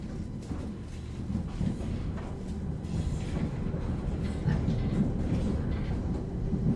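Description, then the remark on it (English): Railway train wheels rattle steadily over the tracks, a continuous low rumbling clatter with faint rhythmic knocks, fairly loud throughout. “And gatang, gatang rattle the wheels of the railway train.”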